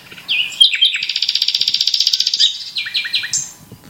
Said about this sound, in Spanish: pues este pajarito, que es de África, viene aquí en primavera a criar. Canta día y noche, y ya digo, también suma a esa banda sonora de aves que las aves dan a estos parajes que son los Montes de Toledo.